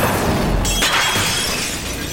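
A glazed Tang sancai ceramic figurine shatters in one loud, bright crash, followed by a brief spray of scattering fragments that quickly settles into a noisy hiss. No voices are heard.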